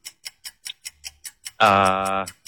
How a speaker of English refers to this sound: Sounds easy enough, doesn't it? Until that clock is ticking.